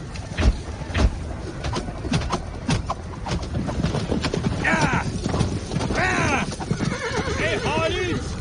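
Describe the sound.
Horses' hooves clatter in a loud, irregular flurry in a battle as spooked horses fail to cross a trench, then several horses whinny and neigh shrilly over the continuing trample, with faint voices mixed into the commotion.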